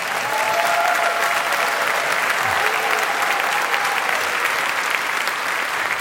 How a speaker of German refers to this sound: Ich möchte, dass sie vielleicht mal einen ganz großen Applaus machen. Ich nenne das immer eine Euphoriewelle der Oberhausener Emotionen für